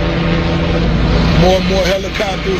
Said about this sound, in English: More and more helicopters.